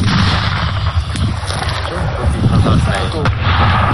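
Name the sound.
gunshot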